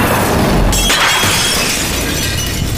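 A Tang sancai glazed ceramic figurine shatters with a loud crash near the start, followed by a steady wash of rattling, scattering noise that continues to the end. No one speaks.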